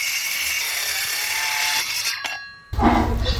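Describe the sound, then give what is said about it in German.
Sawing at the Gnadenhof in Duisburg, North Rhine-Westphalia, on a Wednesday: a steady, harsh buzzing grind with a whining tone runs throughout, briefly cuts out near the end, then resumes louder with a heavier low rumble. No voices. “Gesägt wird.”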